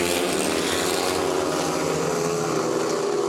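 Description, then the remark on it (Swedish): Speedway motorcycle engines roar in a dense, continuous snarl during the first heat of Västervik against Lejonen at Ljungheden in Västervik, their buzzing pitch holding steady and loud throughout, with no voices over them. “Motorbrum från Ljungheden i Västervik, det är just nu ledning för Matthias Czernak, en av lejonförarna som kamperar ihop med landsmannen Robert Schmil, som har det desto kärvare just nu.”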